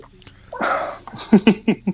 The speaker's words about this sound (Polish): No, czyli tak, Nocne Radio, gdzie prowadzący beka zamiast dzwoniącego. No właśnie, u nas jest na odwrót.